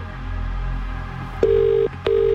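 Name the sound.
telephone dialing tones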